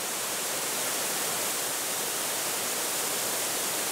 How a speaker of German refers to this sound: Der Nabigataki-Wasserfall. Der Nationalpark ist berühmt für seine Bäche und Schluchten.